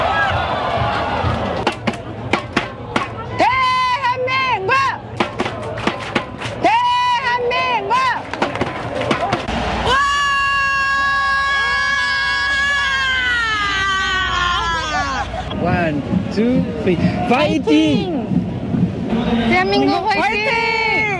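French football fans supporting South Korea scream in Seoul, in loud, high-pitched, wavering shouts over a crowd din, with short bursts early on giving way to a long, sustained wail in the middle before breaking into ragged cries.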